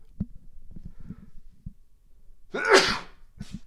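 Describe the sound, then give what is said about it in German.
A single loud sneeze bursts out during a spoken prayer after a few soft breaths and sniffs, followed by a brief quieter exhale or second small burst. “Jetzt muss ich mal eben niesen.”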